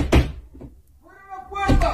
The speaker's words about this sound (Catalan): Aquest és el vídeo que, en principi, s'està atribuint a un jove que hauria traspassat la frontera, que hauria increpat aquesta conductora d'autobús. El vídeo mostra un jove colpejant aquesta porta del vehicle